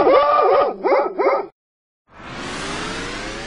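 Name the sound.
small dog barking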